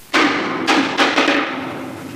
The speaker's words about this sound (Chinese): 接下来我们做一个对照组的这个实验，我们以一米的高度为一个基准线，将0.8公斤的这个实心的铁球以自由落体的方式撞击到木地板